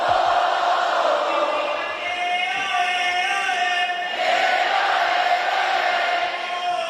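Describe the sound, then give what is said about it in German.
A big concert crowd, led by the opening-act MC, shouts and chants together in a loud, sustained roar, holding a long sung note that swells again around the middle of the seven seconds. “Und ich würde mal sagen, der hatte das Publikum ganz gut im Griff.”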